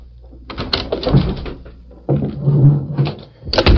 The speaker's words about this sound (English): Early the next morning, Red Bassett unlocked the door of the Clarion office.